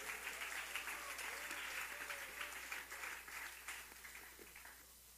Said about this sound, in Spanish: Si es para Él, eso prende de palmas, dénsela fuerte.